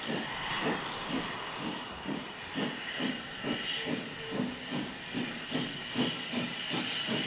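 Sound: steam locomotive hissing steam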